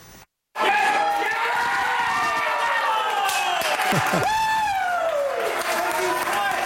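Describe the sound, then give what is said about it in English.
A crowd of fans at Three Amigos in South Edmonton cheers loudly and continuously on a Thursday afternoon, watching Mexico face South Africa in the 2026 FIFA World Cup opener on the big screen; many overlapping voices shout and whoop with rising and falling pitches, after a brief silent gap at the start. “People there cheering on Mexico as the team faced South Africa in the World Cup opener”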